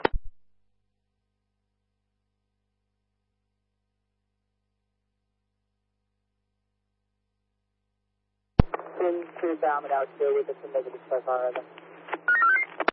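After a long silence, telephone dialing tones come over a narrow, tinny radio channel for several seconds, a steady low hum running underneath the chopped, warbling bursts.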